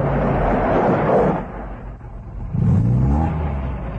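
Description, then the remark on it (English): A heavy truck motor rumbles loudly with a deep, throaty roar on a rough dirt road, dipping briefly before surging again as the truck approaches. No voices are heard. “At the sound of the motor, a tall, unkempt man pulls himself upright from a wattle pole against which he has been leaning.”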